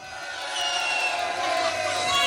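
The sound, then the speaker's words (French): The boys in a crowd cheer and shout when asked to make noise, a dense, continuous roar of many voices, growing slightly louder toward the end with a few higher yells cutting through. “Les garçons, faites du bruit.”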